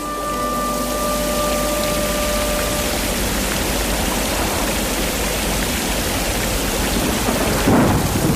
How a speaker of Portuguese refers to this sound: Ai, Jesus, que trovoada tão forte, Santa Bárbara nos acuda.